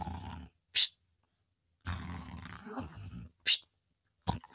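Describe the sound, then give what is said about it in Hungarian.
A voice imitates snoring: long, rough, rumbling snores alternating with short hissing intakes of breath, fairly loud, with no talking. “Öreg tengerész hortyogott a fedélzeten.”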